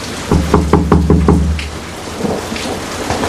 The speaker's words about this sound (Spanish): ¡Ahí va, ahí va! ¡Uy, qué tormenta!